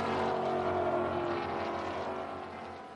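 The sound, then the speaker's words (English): Cole Loftsgaard's race car roars by on the track. The engine is a loud, steady high-revving drone with a buzzy harmonic whine that eases slightly toward the end. No voices are heard. “Maybe that was lap traffic that Cole Cole Loftsgaard was tied up in as he's just gone by.”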